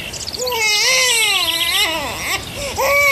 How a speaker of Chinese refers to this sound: 摇篮里婴儿啼哭了起来，毛泽东吩咐说， 先喂奶吧，